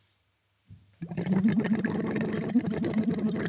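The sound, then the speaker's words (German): As a voice exercise, a voice hums a steady tone through a tube held lightly on the tongue into water, producing continuous, fairly loud bubbling and gurgling that runs for a couple of seconds after a brief quiet start. “Und blubbern da rein.”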